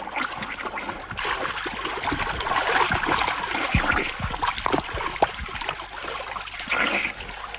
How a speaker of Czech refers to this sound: Pane Rmláři, nezlobte se na mě. Už k vám plavu.